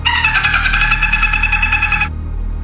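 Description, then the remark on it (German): A person imitates a dolphin call with a high, buzzing whistle that pulses rapidly. It holds steady for about two seconds and then cuts off abruptly, leaving a low rumble underneath. “Ist dieser Ton ein Delfin oder ein Mensch?”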